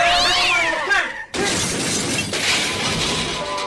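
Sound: cat yowling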